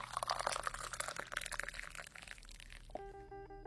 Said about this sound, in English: Come and sip this tea because I'm pouring it while it's hot.